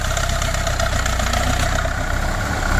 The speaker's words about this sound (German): Und die Traktorenfans wissen schon, um welchen es sich handelt. Das ist doch ein MTS. Ein 50er. Ein Russe. Rot. Ja, ganz genau.